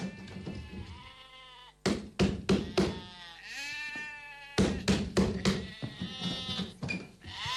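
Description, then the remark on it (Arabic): A neighbour's sheep bleat repeatedly in a residential neighbourhood, in wavering, drawn-out cries, fairly loud, while sharp knocks and thumps punctuate the bleating in quick bursts. “ما بتكفي خواريفك اللي ما عم تخلي حدا ينام بالحاره؟”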